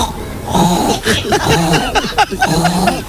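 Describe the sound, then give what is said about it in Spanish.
A woman on Basque regional television, ETV, imitates a pig with a series of loud, nasal grunting oinks, about four or five rough vocal bursts in quick succession with no other talk. “Un cerdo.”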